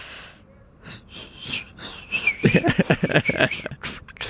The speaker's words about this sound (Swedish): Men hur låter när du visslar? Kan du ge ett exempel? Visst, om du så gärna vill.